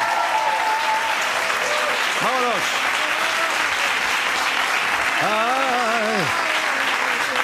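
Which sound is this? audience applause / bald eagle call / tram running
audience applause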